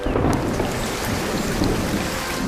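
Steady rain begins to pour down in a dense, continuous hiss with a low rumble beneath it, fairly loud throughout, with no voices.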